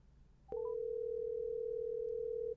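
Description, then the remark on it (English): A click and a few quick chirps, then a single steady telephone ringing tone drones for about two seconds, clear, with no voices; a phone call that goes unanswered. “Why she don't answer the phone?”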